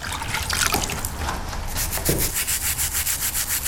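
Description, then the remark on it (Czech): A classic bathroom brush scrubs the overgrown stone statue of Saint Florian in a restoration studio in Jihlava, cleaning it before repairs, rough and uneven at first, then settling into a quick, steady rhythm of repeated scratchy strokes. No one speaks. “Klasický kartáček do koupelny, když ji čistím.”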